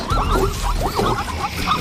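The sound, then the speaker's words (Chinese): A zebra in a herd gives a run of harsh, barking alarm calls, four or five yelping cries that rise and fall in pitch, repeated steadily over a low rumbling background. “一只斑马发出警报”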